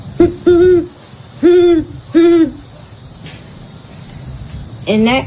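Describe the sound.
A person doing bird calls of common American birds imitates a great horned owl, giving a series of deep, resonant hoots in a rhythmic pattern: a short pair, then two longer hoots, and a final hoot after a pause.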